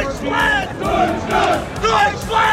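A large crowd of football fans chants loudly in unison, many voices holding drawn-out, melodic phrases that swell and repeat in a steady rhythm throughout.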